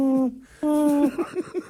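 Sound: little owl hooting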